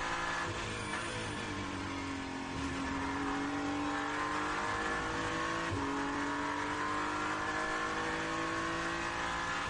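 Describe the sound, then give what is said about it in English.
A hypercar race car roars past Dan Harper during an endurance race as he lifts to let it by, its loud high-pitched engine note climbing steadily through gear changes, with a brief shift around the middle and no voices over it. “Hypercar coming past Dan Harper as he just lifts for a moment and allows the car to go back.”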